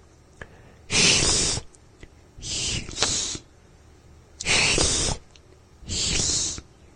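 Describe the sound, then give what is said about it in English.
A voice imitates a cat's hissing sound four times, each a loud, breathy burst of about half a second to a second, separated by short quiet pauses, demonstrating the first sound of a word in a language lesson. “And so that's having that cat hissing sound first, and then following it to the, which is the LH.”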